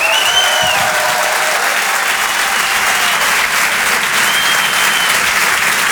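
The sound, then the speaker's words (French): Loud, sustained applause from a large audience at the Rire et Chanson Comedy Club, welcoming comedian Alex Ramirez: a dense wash of clapping that holds steady for several seconds with faint whistles rising above it and no one speaking. “Je demande un tonnerre d'applaudissements, s'il vous plaît, pour Alex Ramirez.”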